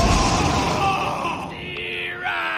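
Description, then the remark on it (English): A loud, crackling lightning-crash effect bursts out and slowly rumbles away over a couple of seconds, with a groaning, yell-like voice cutting through the noise, as lightning strikes a baseball batter after a pitch. “The pitcher threw the ball so fast, lightning struck the batter.”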